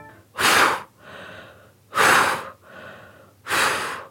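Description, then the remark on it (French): A grandfather, out of breath from running, pants heavily as he sits down beside his granddaughter: three loud, rough breaths in a steady rhythm, each followed by a softer, raspy intake, with no talking. “Son grand-père est tout essoufflé par cette course et il s'assied à côté de sa petite fille.”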